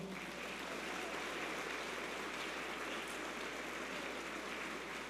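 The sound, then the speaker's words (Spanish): A crowd claps in sustained, dense applause, a steady wash of many hands that holds at an even level for the full five seconds with no voices over it, welcoming members of the Sagrario Catedral del Señor de Tabasco parish at a church gathering. “Un fuerte aplauso.”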